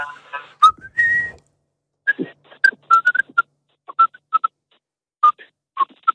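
Someone whistles a short, choppy tune, a series of quick bright notes and brief slides with small pauses between phrases, plus a few breathy bursts at the start.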